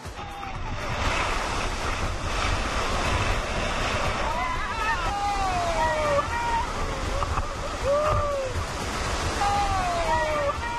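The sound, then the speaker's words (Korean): River rapids on the upper Nakdong River roar steadily against rocks in a rafting section of a canyon cut through the Baekdudaegan mountains, a dense, continuous rush of churning water, with a few faint rising and falling calls or voices drifting over the torrent. “가파른 물길을 타고 내려온 강물은 바위에 부딪힐 때마다 거친 급류로 변합니다.”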